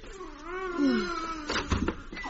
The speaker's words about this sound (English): The baby's crying.